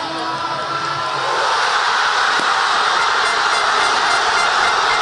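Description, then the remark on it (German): A dense, steady roar of a large crowd of football fans cheering at a public viewing in Buenos Aires after the winning goal in extra time, loud and continuous, swelling slightly after the first second and holding at full volume with no clear individual voices. “Hören wir mal rein, ne, wie das klang in Buenos Aires beim Public Viewing.”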